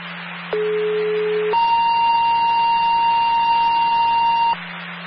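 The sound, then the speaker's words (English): The Ludlow Fire Department's daily test of its emergency communication system: a lower steady tone for about a second, then a higher, longer held tone lasting several seconds, over a constant hiss and low hum of radio static. “Ludlow Fire Department personnel, that was your daily test on the emergency communication system.”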